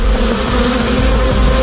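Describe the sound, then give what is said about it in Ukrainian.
A dense, steady drone of many Ukrainian bees buzzing together, loud, with a continuous humming tone that holds evenly throughout and no voices. “Удар прийняли й бджоли.”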